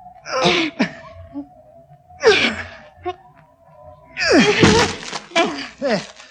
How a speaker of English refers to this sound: can't you break the door down? I can try, milady. Here, let me help. Now then, both together.